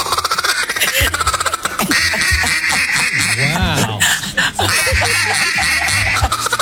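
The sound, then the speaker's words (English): A man blows a duck call, producing a loud, rapid run of raspy quacks that rises and falls in pitch for several seconds, with barely a pause between notes. “gave us a killer duck call”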